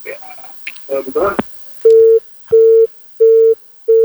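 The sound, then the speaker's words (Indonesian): A brief burst of voice gives way to a telephone busy tone as a call disconnects: four steady, mid-pitched beeps repeating in an even on-off rhythm, loud and clear over a quiet line. “Menelpon ki kembali, tiba-tiba kita putus.”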